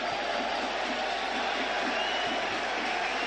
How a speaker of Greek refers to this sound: Και πάει για να εκτελέσει αυτό το κόρνερ ο Ταμπόρδα και ακούτε τα χειροκροτήματα από τους φίλους του Παναθηναϊκού.